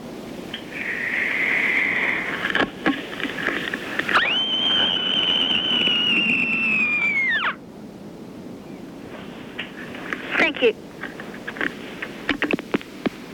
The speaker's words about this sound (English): Here is my special End of a Hard Day in Year 6 scream.